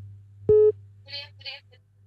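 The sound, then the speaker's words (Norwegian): A single short, loud telephone line tone of an incoming call beeps over a steady low electrical hum, followed by brief muffled voice sounds on the line. “Men får vi se, det ringer in fler.”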